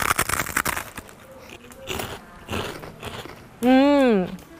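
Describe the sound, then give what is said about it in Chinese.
Loud crunching as someone chews very crispy, snow-white fried cowhide, with a rapid burst of crunches followed by a few spaced bites, ending with a drawn-out vocal hum of enjoyment. “听到我咀嚼的声音了吗？特别特别的脆，我再咬一下哈。”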